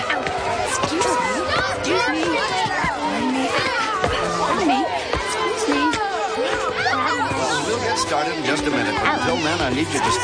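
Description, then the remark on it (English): A dense crowd of children chattering all at once at a talent show, high voices overlapping continuously with occasional shouts and sharp knocks, steady and fairly loud throughout; about 100 people are present. “This is some crowd.”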